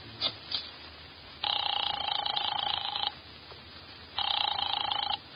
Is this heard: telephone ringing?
yes